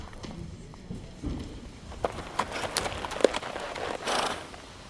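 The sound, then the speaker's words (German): Horse hooves clip-clop at a slow, uneven walk, each hoof strike a sharp knock over a steady rustling background, of moderate loudness, with no one speaking. “Margrat steigt vom Pferd und lässt es laufen.”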